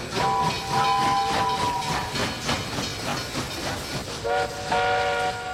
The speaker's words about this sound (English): I love the train station. You never know what you're gonna see. All kinds of trains, and they go woo, woo, and they go chugga chugga chugga chugga.